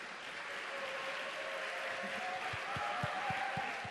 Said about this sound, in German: Und ich weiß nicht, ob es euch ähnlich geht. Wenn es euch so geht, einen Applaus bitte.